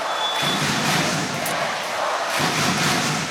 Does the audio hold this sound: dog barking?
no